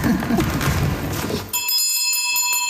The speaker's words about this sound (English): This is was the original grade 5 classroom. It's set up like a 1936 classroom. Does the bell work? The bell works.